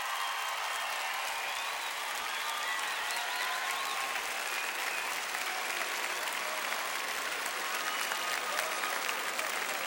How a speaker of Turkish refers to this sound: Ve kadınlar milli voleybol takımına bir alkış gönderelim.